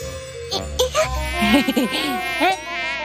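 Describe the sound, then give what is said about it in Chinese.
A mosquito whines steadily on a hot, cloudless day, its high-pitched buzz rising and wavering, while a voice briefly speaks or exclaims over it. “蚊子。 好痒啊。”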